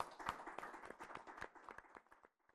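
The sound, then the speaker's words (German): A crowd at an event applauds the camera team, many hands clapping in a dense, irregular patter that holds steady and then thins out and fades to a few scattered claps. “Ich darf Sie bitten, dass wir alle mal und vor allem dem Team an den Kameras und hinten, dass wir denen einen herzlichen Beifall für den Anfang geben.”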